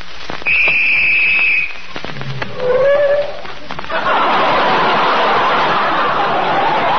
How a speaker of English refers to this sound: Holy smokes. Sorry, old man. Somebody blew the whistle by mistake.